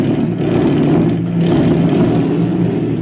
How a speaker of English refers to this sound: Tonight, a Gestapo agent has arrived at the Mexican ranch from where he'll be flown over the border and dropped into Texas. The airplane has been pushed out and is about to take off from the ranch.